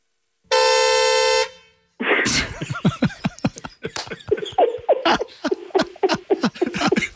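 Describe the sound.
A squeaky ball toy is squeezed once, giving a loud, steady, buzzy squeal lasting over a second, followed by choppy, rapid bursts of voices and laughter.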